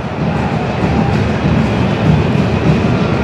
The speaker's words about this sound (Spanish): Ojito, porque me escuché un rayo. Un trueno, perdón.